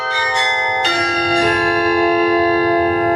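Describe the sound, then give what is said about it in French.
Carillon bells ring out in a belfry during a short carillon performance, several tuned strikes in quick succession with long shimmering overtones that blend into a sustained, loud, resonant wash of pitched chimes. “Pour la prestation de Carillon quand même.”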